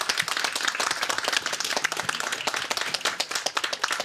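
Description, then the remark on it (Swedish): An audience at a local politics event on Orust, Sweden, applauds the local politicians steadily, a dense crackle of many hands clapping at a fairly even loudness throughout, with no voices over it. “En applåd också.”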